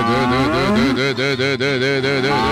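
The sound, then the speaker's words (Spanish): A cow moos loudly and continuously, a long, wavering low bellow that rises and dips in pitch, with no talking over it, while its legs are being tied. “Amárrele las patas, se lo va a comer a la vaca, ¿o qué?”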